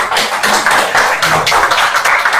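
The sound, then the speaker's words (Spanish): Council members of the José Leonardo Ortiz district applaud after unanimously approving municipal service fees for 2026, dense overlapping claps forming a steady, loud crackling wash of sound with no voices over it. “Ahora aplauden.”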